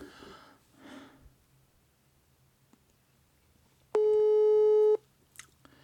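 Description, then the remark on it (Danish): A single loud, steady telephone ringing tone sounds for about one second, a flat buzzing beep, followed by a faint click. “Det er altså nemmere på den her måde, der ringer.”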